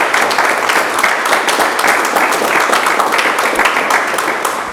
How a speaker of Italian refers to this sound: E un applauso questo.